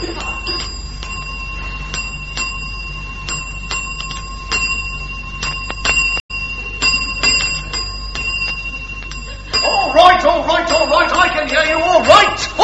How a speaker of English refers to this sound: It says if you want the attendant, ding the bell.